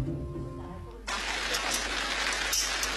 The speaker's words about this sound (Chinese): 清晨5点开始下雨，一直没有停的迹象